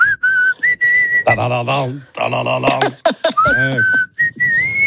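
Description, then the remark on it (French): A person whistles a tune for a listener to recognize, with clear, sustained notes that glide between pitches, broken up by stretches of voiced singing-like sounds. The performance is fairly loud, with no other talking. “Tiens, maintenant je vais te siffler un truc, on va voir si tu reconnais.”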